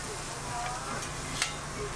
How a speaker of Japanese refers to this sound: 冒頭の音は羊の肉を焼く音です。 いやー、いい音ですよ ね。 今日のテーマは北海道遺産にもなっているジンギスカンです。